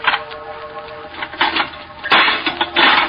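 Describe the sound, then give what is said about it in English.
An old, rusty metal lock on a tomb door being bashed with a stone: a series of sharp, clattering metallic strikes at an uneven pace, fairly loud, with the last blows the heaviest. “Smashed the lock.”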